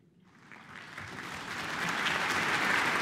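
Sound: concert audience applause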